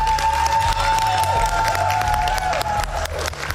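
A group of people applauds loudly and steadily, dense clapping filling the whole stretch, with some cheering mixed in and a sustained tone running underneath.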